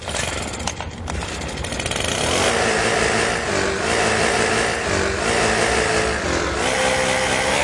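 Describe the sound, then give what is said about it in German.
A loud, roaring leaf blower whose pitch shifts in steady steps, picking out the melody of a well-known radio hit over its constant whooshing engine noise, continuous with no voices. “Eure S1 Morning Show ist hier mit großartigen Laubbläser-Hits, die es echt in sich haben”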